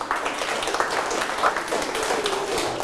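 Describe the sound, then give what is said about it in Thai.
A group claps hands together in a dense, steady burst of applause lasting a few seconds, with a faint voice murmuring underneath. “เอาปรบมือ”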